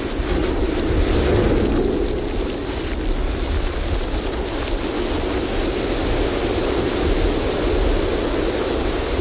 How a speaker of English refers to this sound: In addition to there being, you know, all these amazing things to look at that I would imagine would inspire music, there are also very cool sounds in Antarctica. Here's a recording you made of the ship hitting sea ice.